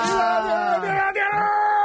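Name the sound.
audience shouting and cheering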